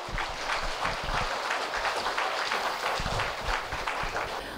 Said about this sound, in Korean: 여러분 큰 박수로 맞이해 주십시오.